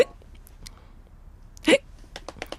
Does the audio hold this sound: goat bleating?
no